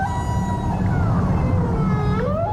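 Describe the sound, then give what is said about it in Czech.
A pod of rorqual whales swimming past, including mothers with calves, call at once in a steady, overlapping chorus of long, sliding tonal moans and whistles that rise and fall over a deep rumbling undertone, continuous and fairly loud, with no talking. “Na druhý den ji probudilo stádo velryb, které proplouvalo kolem.”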